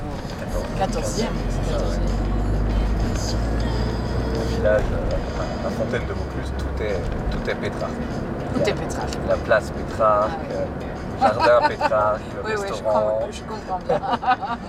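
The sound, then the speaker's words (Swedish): A steady low rumble of a car in motion fills the cabin, strongest early on, while a passenger and a hotel owner who picked them up chat over the road noise on the way to the fountain in Vaucluse. “Jag sitter i en bil och småpratar med hotellägaren”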